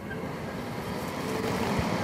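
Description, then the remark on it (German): A small electric fan of a mosquito trap, powered by a car battery, starts running with a steady, broad whirring hum that swells slightly louder over about two seconds, with no voices. “Und wenn ich dann die anschließe, hört man auch schon, dass der Ventilator dann zu arbeiten beginnt.”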